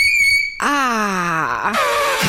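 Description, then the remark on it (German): A shrill, steady chalk squeak on a blackboard rings out briefly, then a person lets out a long, falling groan of disgust, ending in a breathy exhale. “Und jetzt hören wir aber mal kurz, wie fies Kreide tatsächlich quietschen kann.”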